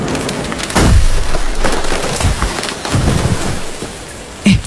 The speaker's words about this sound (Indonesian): Kalian dengar suara pohon tumbang gak?